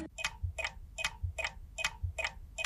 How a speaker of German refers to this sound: was tickt denn da? Eine politische Bombe?